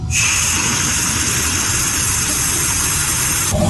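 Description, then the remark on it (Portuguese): Air rushes and hisses out of a dry faucet opened during a water shortage, in a loud, steady stream with a rough, rumbling low end. It holds unbroken for about three and a half seconds, then cuts off abruptly. “Quando tem falta de água e ele abre a torneira, o som que ele ouve é esse aqui, vamos acompanhar.”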